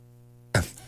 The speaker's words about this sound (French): Tenant d'avoir ces éternuements qui nous arrivent en plein milieu d'une intervention.